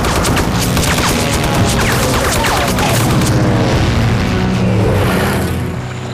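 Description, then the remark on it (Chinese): Airplanes roar overhead in a loud, continuous drone, mixed with heavy booms and rapid bursts of gunfire throughout, with no voices. “刚才咱们的飞机有你的019吗？”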